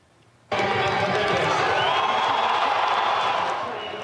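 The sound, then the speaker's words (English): Thousands of people packed into Stephen Avenue in Calgary for a city-hosted World Cup final watch party on a giant screen erupt into loud, sustained cheering and shouting after a brief quiet moment, a dense roar of many voices that stays strong before easing slightly at the end. “Here at home, thousands of Calgarians packed into Stephen Avenue for a World Cup final watch party.”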